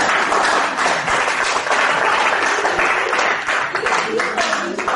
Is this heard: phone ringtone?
no